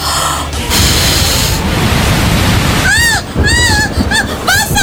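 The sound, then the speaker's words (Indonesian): Heavy rain pours down in a loud, steady hiss and roar, while toward the end a voice calls out several times in rising and falling tones over the downpour. “Hujan. Wah, hujannya gede banget.”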